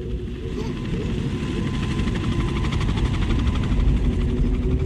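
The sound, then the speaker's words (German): A helicopter thunders overhead, dropping tear gas grenades, its rotor blades chopping in a rapid, steady pulse that grows slightly louder over several seconds, with a low engine rumble beneath. “Tränengasgranaten fielen aus Hubschraubern.”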